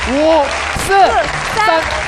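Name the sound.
audience applause and cheering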